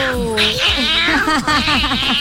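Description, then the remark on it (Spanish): A person mimics a cat, letting out a drawn-out meow followed by a quick run of shorter, bouncing mews, loud with no other talking. “Va a ser un tema para la banda del gato. ¡Del gato!”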